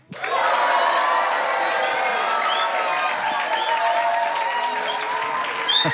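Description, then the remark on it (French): An audience applauds two young guests on a youth special, a dense wash of clapping at an even level for the whole stretch, with a few faint cheers and voices mixed in. “C'est sympa d'être applaudi comme ça ?”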